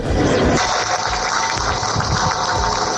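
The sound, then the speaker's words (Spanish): Steady, dense applause from a crowd with faint ringing bells beneath, ending a minute of silence in Dolores, Alicante, held for a woman and her son allegedly murdered; loud and unbroken clapping, no one speaking. “Con este aplauso y con las campanas se rompía ese minuto de silencio.”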